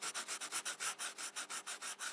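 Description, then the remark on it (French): Pencils scratch across paper in quick, steady back-and-forth strokes, about a dozen rasping swipes in a brisk rhythm. The sound is hissy and fairly soft, with no voices. “Des crayons sur les feuilles.”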